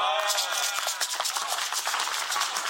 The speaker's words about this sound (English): Yes, clap, clap, clap, and come alive. Others are clapping.